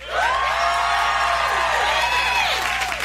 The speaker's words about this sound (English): And he splits the crowd in half, and he's like, all right, left side, make some noise.